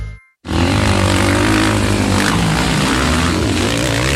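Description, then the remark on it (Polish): Loud, continuous roar of speedway motorcycle engines bursting in after a brief silence, the harsh buzzing pitch wavering and shifting as the machines race at the Speedway Euro Championship, the individual European speedway championship in Zielona Góra, filling the whole clip with no talking. “Słyszysz to? To dźwięk wielkich emocji. Speedway Euro Championship.”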